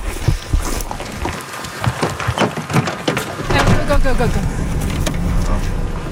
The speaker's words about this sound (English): We can hear a drone above, and we've been told that it's a Houthi drone, so we're just taking cover.